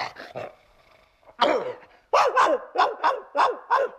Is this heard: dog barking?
yes